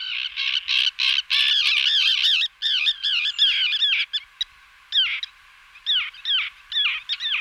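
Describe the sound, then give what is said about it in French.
Harsh, grating common tern calls repeat in rapid overlapping bursts, with several birds calling at once, loud, with brief pauses between clusters and no voices. “Alors, l'autre oiseau qui est très très fréquent là-dessus et qui est rare partout ailleurs, c'est la sterne pyrogaraire.”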